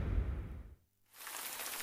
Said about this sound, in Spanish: La lluvia.